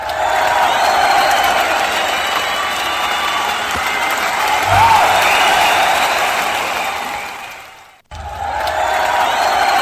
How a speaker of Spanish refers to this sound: ¡Fuerte el aplauso!